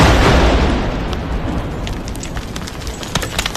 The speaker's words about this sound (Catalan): I este és el so d'una de les detonacions controlades. Els artefactes, de 75 mil·límetres de calibre, estaven complets i amb tota la càrrega a l'interior.